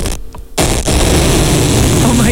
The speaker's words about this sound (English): The loudest fart you've ever heard echoes through the room.